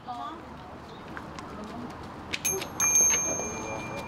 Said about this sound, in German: Mit dem Läuten des Glöckchens stellt der Priester die Verbindung zum Überirdischen her. Er ist ein Mittler zwischen Göttern und Menschen.